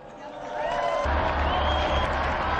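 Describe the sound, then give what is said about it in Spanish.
Audience applause for Saint Peter and Saint Paul swells into a steady, dense wash of clapping with crowd murmur and a few cheers mixed in, holding loud and continuous throughout. “Brindemos nuestro cálido aplauso a San Pedro y a San Pablo.”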